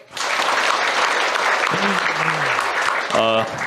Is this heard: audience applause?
yes